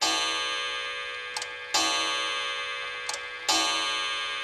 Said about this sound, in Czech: Pak tloukla hodina za hodinou